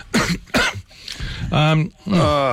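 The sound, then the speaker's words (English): Two sharp coughs burst out in quick succession, followed by rougher, voiced throat-clearing sounds that rise and fall over the next second or so. “Where's the cough mute button?”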